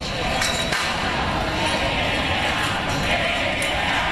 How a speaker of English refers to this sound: Chants of Take It Down from crowds forming outside the Kennedy Center in Washington, D.C.